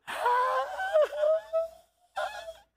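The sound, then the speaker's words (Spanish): A voice imitates a heartbreaking wailing cry, a long quavering sob that rises and falls for about two seconds, then breaks off before a shorter anguished burst. “Tú oyes una persona llorar así, tú sabes que el mundo se le cayó en canto.”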